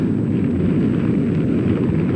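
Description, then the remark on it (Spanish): A massive, sustained explosive roar of a tokamak turned into an H-bomb, deep and rumbling, with dense low-frequency noise at a steady loud level without letting up, with no voices present. “En el otro extremo del pasillo, Proteo detenía momentáneamente su carrera al escuchar la brutal explosión de la gran E.”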